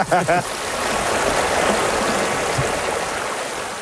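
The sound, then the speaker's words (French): A steady, full rush of flowing stream water, running high with quite a lot of water for a stream, fills the whole recording, loud, with a brief voice sound at the very start before the water continues on its own. “Je me disais, il y avait quand même pas mal d'eau pour un ruisseau.”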